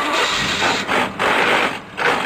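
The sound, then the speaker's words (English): A car engine runs loud with a harsh, grinding roar that cuts out and lurches back about three times, like rough, jerky gear shifts. “Dude, get your shift together. That sounds horrible.”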